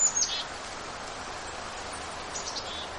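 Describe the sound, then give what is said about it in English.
A golden-crowned kinglet gives a few very high, thin calls, faint, near the start and again toward the end, over a steady hiss of outdoor background noise. “Although I'm hearing a little high sound. It looks to be a golden-crowned kinglet.”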